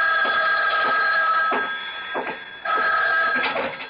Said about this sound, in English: But before I could follow the thought through, the phone rang.